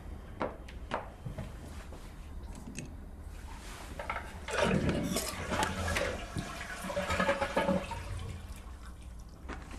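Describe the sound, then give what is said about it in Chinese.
In a hotel room, a few sharp clicks and clunks, then a toilet flushes as its tank is emptied, with a loud rush of water that surges and gurgles for several seconds before easing into a softer, steady refilling hiss. “水箱放空，水压缺失，有可能会有时候会导致浮球跟阀座错位导致漏水，所以我们一定要耐心等待，看清楚是否漏水再离开。”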